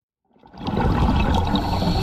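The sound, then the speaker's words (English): A diver breathing underwater at a coral reef in the Maldives: a bubbling, rushing exhale swells up after a brief silence and holds as a loud, steady gurgling roar through the end, with no voices. “You and I hear a diver breathing underwater, but the diver in this coral reef in the Maldives is hearing something we can't.”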